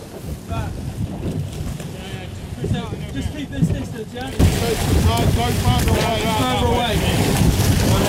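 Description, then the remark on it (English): A small boat out on open sea about 3 miles offshore, near an anchored Russian shadow tanker vessel, with steady engine rumble, wind buffeting the microphone and sea wash, growing louder partway through as voices talk over the noise. “Well, this is out at sea and as close as we can get to this Russian shadow tanker vessel that was apprehended by the Royal Navy in the early hours of Sunday.”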